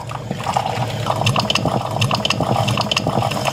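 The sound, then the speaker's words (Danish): A drip coffee maker gurgles and sputters as it finishes brewing, with a steady run of wet bubbling and hissing bursts that hold at a fairly even loudness throughout. “Og det tror jeg er meget dansk lyden af kaffen, der er klar.”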